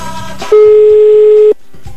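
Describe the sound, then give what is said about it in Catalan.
A telephone line rings with a single loud, steady electronic tone lasting about a second as a call comes in for a call-in prize game. Quieter music plays in the background. “Vinga, va, que està sonant.”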